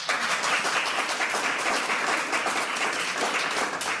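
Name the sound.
audience applause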